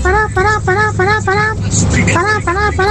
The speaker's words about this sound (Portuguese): Gente, buzinaço, por favor, vamos buzinar que dá tempo ainda. Quero você buzinando, motorista de ônibus.